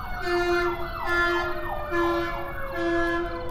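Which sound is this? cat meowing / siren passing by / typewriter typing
siren passing by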